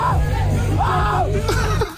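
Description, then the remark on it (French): A man's loud, drawn-out scream with rising and falling pitch, intense, over a steady low hum and a faint crowd murmur, cutting off near the end. “Mais écoutez le hurlement.”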